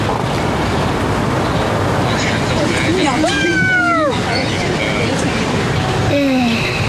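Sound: cat meowing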